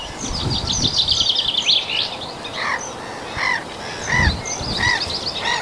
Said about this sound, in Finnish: Naurulokit. Ne on tuossa samalla pellolla kuin aikaisemmissa lähetyksissä.